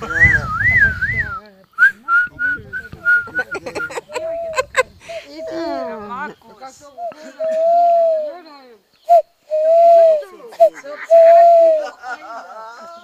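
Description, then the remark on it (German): A person whistles a bird call imitation: warbling, trilling high notes at first, then a series of short chirps and longer, lower sustained whistled tones, with some laughter mixed in. “Das hat sich echt angehört wie eine Eule jetzt. Oder Spatz.”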